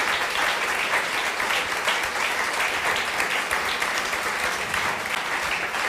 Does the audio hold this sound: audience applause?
yes